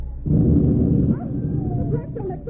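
A loaded cannon, lit by its fuse, fires with a sudden deep boom after a brief pause, rumbling heavily for about a second before settling into a lower, sustained roar with faint whining tones.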